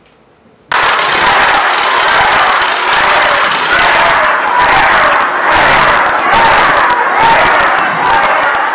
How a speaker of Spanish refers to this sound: Pues ¿cómo que no están? Si ahí están, tenemos incluso los abucheos, vamos, no es un tema personal. Abucheos para la persona. Es la realidad, son los hechos, lo ponemos.